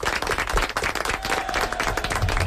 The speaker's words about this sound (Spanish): Vale, un aplaudiment.